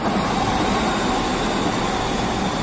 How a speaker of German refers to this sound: Was für ein schönes Geräusch. Ein Zug, der fährt. Am besten noch pünktlich.